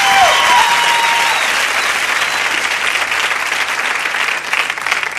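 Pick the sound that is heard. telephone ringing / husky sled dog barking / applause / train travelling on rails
applause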